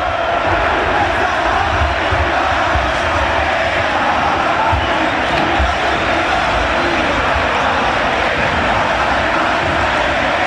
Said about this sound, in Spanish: Sensacional. La verdad, te eriza la piel. El griterío y la fiesta que los hinchas de Racing y de Boca nos están regalando los presentes aquí, Santino. Es una locura. Cantan unos, contestan los otros, van los cánticos de un lado a otro,